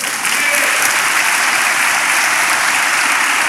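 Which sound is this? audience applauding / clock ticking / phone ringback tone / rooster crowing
audience applauding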